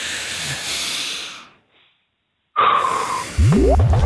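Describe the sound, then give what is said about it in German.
A group of people draws a long, loud, hissing breath in together after a count of one, two, three, falls silent for about a second, then lets it out in a rough, breathy exhale. “Dann schnaufen wir einmal alle zusammen. 1, 2, 3.”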